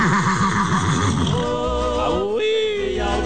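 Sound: horse neighing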